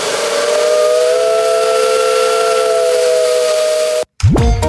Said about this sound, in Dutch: Moet de trein nog eens toet doen? Ja, toet doen.